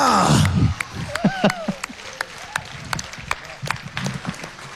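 An audience applauds at the BNR national music awards ceremony in Bulgaria, steady claps ringing out with scattered voices and shouts mixed through the clapping.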